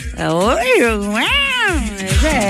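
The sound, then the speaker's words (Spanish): A female cat in heat yowls in long, drawn-out wails that rise and fall in pitch, loud, with a low thumping rhythm underneath. “Esa es la gata en celo.”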